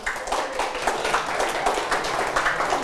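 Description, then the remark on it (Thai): A class of students claps steadily for about three seconds for a classmate whose group has just answered a question, a dense patter of many hands at a fairly even loudness with no one speaking over it. “ครับปรบมือให้เพื่อนด้วยนะครับ”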